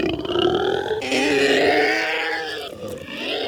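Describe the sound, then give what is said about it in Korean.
A monstrous creature roars and howls in a long, continuous, guttural bellow while tearing at its head with its feet, loud and sustained with a grinding, growling texture that rises and wavers over several seconds. “현우를 떨어뜨린 괴수는 양발로 머리를 쥐어뜯으며 울부짖기 시작했다.”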